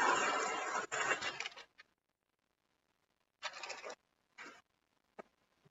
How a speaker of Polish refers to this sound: No więc teraz przyniosę pierwszy dźwięk. Dźwięk dartego papieru.